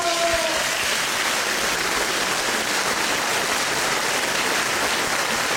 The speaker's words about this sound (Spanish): ¡Muchas felicidades! ¿Aplausos?